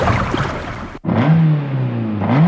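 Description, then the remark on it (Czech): A Škoda Motorsport rally race car engine roars loudly, cuts out for a split second, then revs again with a growling drone whose pitch sags and climbs back up. “Slyšíš to, tati? Ano, 8. až 27. září je v Olympii Brno výstava Škoda Motorsport. Závodní vozy, jejich historie a rally atmosféra, která tě vtáhne, ať si fanoušek motorsportu, nebo si jen chceš dopřát dávku adrenalinu.”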